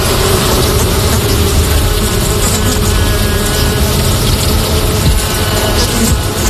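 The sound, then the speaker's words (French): Honeybees buzz steadily and loudly in midsummer over crimson clover and flowers, a dense, continuous drone of many wings, with no pauses and no voices. “L'abeille, c'est peut-être, aux yeux de l'homme, l'insecte le plus respecté.”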